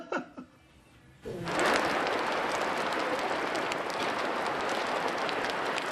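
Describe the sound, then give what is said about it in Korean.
After a second of near silence, rain suddenly starts drumming on a greenhouse roof, a dense, steady patter and hiss that stays loud and even to the end, with no voices. “아니, 하우스에 있으면 빗소리가 들려요.”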